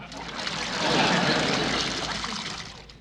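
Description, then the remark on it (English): A steady stream of water from a drinking fountain splashes for about three seconds, a continuous hiss that swells slightly in the middle and tapers off, with no talking. “What are you doing at the fountain?”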